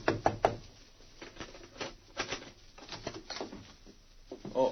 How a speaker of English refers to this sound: Then he went to the Yukon Hotel, where Guthrie and Metz were registered. He knocked on the door of their room.